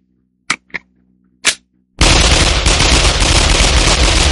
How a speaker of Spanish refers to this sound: Ahí le van otros, sí señor, jálele la 45. Ahí no más.